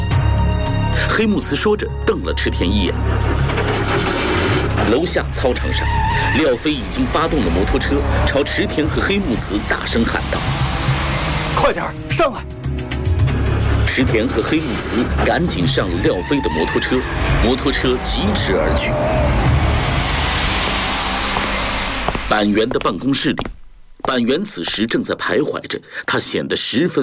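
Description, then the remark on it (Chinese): A motorcycle on a drill ground below a building roars to life and revs hard, then races away with screeching tires. The loud, continuous motor noise fills nearly the whole recording and drops out briefly near the end. “楼下操场上，廖飞已经发动了摩托车，朝池田和黑木茨大声喊道：“ 快点上来！”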